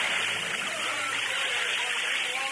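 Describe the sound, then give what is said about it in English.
Water bubbles and churns in a steady, continuous wash of sound, even in loudness throughout, with no clear break or pause. “There is drum in water. It is no spirit. Look, the water bubbles.”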